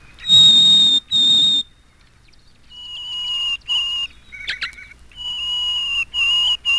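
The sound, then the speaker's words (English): Harris's sparrow song: a series of clear, pure whistled notes, each held steadily on a different pitch with short gaps between them, fairly loud with no talking. “The next bird to appear in this first movement is the Harris sparrow. He sings single, clear notes on different pitches.”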